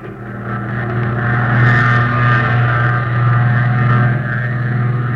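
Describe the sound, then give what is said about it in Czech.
A loud propeller engine, started by spinning its propeller, drones steadily, its deep, throbbing hum holding at an even pitch with slight swells in intensity throughout, with no voices present. “No, natočte mu vrtuli, natočte, no.”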